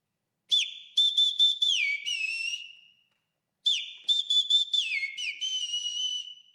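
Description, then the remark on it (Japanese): A person whistles a meadow bunting's song twice, each phrase a quick run of sharp high chirps and slurred notes ending in a longer sustained tone, with a short pause between phrases. “例えば全国あちこちで本物が鳴いていて、電車の駅ではその鳴き声音声として流れているにもかかわらず、ほとんど覚えてもらえないホウジロという鳥がおります。ほっぺたのところにちょっと白い筋が入っているのでホウジロで、参考までにこういう声でさえずります。”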